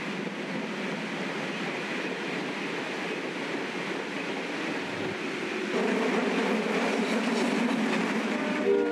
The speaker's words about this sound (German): Langsam fährt unser Zug in die blaue Stunde hinein und ins Bahnhofsgelände von Sachsens viertgrößter Stadt Zwickau, Endstation des ersten Reisetages.